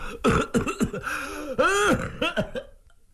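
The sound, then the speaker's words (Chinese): A storyteller's voice imitates a prolonged coughing fit of a street martial-arts performer: a run of harsh coughs, then strained, wheezy hacking that trails off into quieter gasps. “他咳嗽了半天，还喘半天，这虚汗就出来了。”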